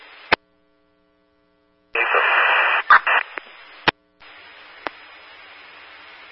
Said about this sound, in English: you had heavy static.